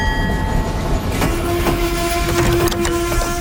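An old steam locomotive rolls past with a loud, steady rumble, sharp metallic clanks and clicks, and thin sustained whistling tones running throughout. No one speaks.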